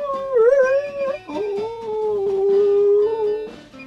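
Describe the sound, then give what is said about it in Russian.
A dog raises its head and howls in a long, wavering cry, pausing briefly before sliding into a second sustained, mournful note that fades at the end. No one speaks. “Он поднимал голову, и утомительный вой вылетал из его горла.”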